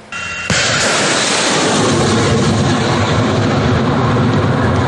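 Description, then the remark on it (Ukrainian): An American HIMARS multiple rocket launcher of the 32nd Separate Artillery Brigade fires from a position on the southern front: a sudden loud blast gives way to a sustained, roaring rush of rocket exhaust that stays powerful for several seconds, with no voices. “Від його вигляду та звуків окупантів стигне кров. Це реактивна система залпового вогню «Хаймарс».”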